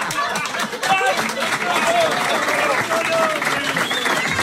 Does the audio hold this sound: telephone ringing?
no